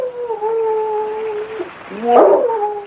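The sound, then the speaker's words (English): A dog named Wolf howls in a long, steady drawn-out tone, then breaks into a rising, wavering whimper that grows louder and more strained before settling back into the howl. “But just the same, a dog. That's what I heard.”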